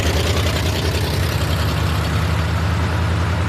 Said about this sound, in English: Hurry up, Fanny. Here comes the truck. You don't want to walk all the way to the cotton field, do you?